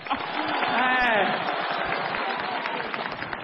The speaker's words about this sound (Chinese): 来，朋友们，掌声鼓励一下。